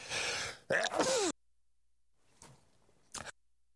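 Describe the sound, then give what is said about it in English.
A loud sneeze: a sharp breathy rush followed by a forceful voiced burst, then near-silence broken by a couple of faint sniffs or breaths. “Pardon me, I'm sneezing here.”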